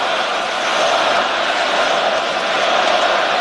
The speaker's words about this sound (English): You hear the echo of the great fans here in Montreal at the Bell Center.